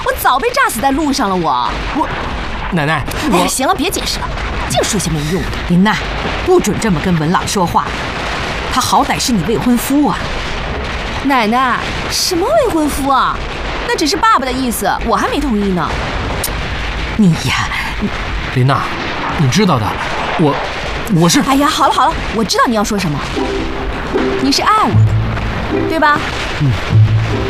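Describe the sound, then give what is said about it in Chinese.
Artillery shelling and gunfire pound away in dense, overlapping bursts, loud booms and sharp cracks repeating irregularly, with voices talking over the barrage throughout. “哎，你说你怎么一听到枪炮声就吓得跟兔子似的，惊慌失措，还不如我一个女孩子呢。”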